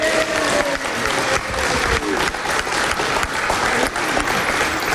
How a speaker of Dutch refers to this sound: Applaus!